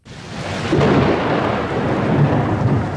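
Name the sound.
pattering rain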